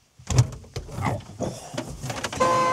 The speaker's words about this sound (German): Oh. Das war die Hupe? Ja, das war die Hupe.